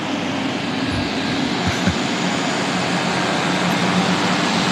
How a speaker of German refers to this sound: Da sind irgendwelche Motoren und so. Also Turbinen und so richtig heftige Motoren.